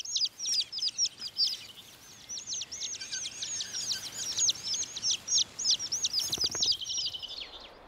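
A dense chorus of thrush chicks chirping in the nest: rapid, high, thin begging calls repeating nonstop, with no voices.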